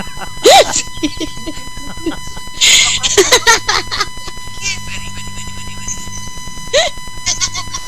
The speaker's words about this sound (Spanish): No manches, no me sabía ese sonido yo. Ese es un sapo cantante, hasta ¿verdad? Te hablan los sapos, dice. Ese es de los sapos cantantes, porque los sapos comunes y corrientes tienen otro sonido.